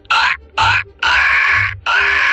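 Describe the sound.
A person imitates a seagull with four loud, harsh, raspy screeches, the first two short and the last two longer and drawn out, with brief pauses between.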